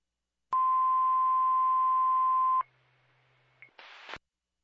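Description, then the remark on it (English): A loud, steady single-pitch fire dispatch radio tone from Minerva Base Fire Control, paging Minerva Fire that engine 493 is back in service, holds for about two seconds, then cuts to a low hum, a brief blip, and a short burst of static as the transmission closes. “Can I get a tone and page for a message for Tinker 493's back in service?”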